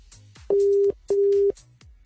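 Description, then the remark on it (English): A telephone ringback tone plays a clear double ring, two steady electronic beeps in quick succession, over faint background noise, as an outgoing call waits to connect. “You better answer your phone now, or I'm moving on.”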